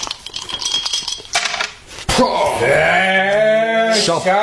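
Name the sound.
dice being rolled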